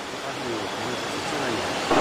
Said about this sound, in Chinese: 一山有四季，十里不同天。往前走了不到一公里，豆大的雨点就打了下来，我们不得不停下脚步找地方避雨。